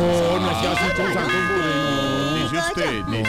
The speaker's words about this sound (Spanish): Hola, pero ¿me van a quemar el timbre o qué? Sí. ¿Pero cómo es eso? Van a quemar el timbre. Siempre se lo van a quemar.